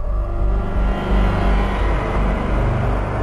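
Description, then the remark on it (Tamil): An ambulance rolls up, its engine rumbling low and steady, the motor droning continuously as the vehicle pulls in and comes to a stop in front of a house. No voices are heard. “அவர் சொல்ல வந்ததை சொல்லி முடிப்பதற்குள் வீர் வீர் என்று ஆம்புலன்ஸ் ஒலி எல்லாரின் செவிகளிலும் அபாய அறிவிப்பு செய்து சிவனேசன் வீட்டின் முன் வந்து நின்றது.”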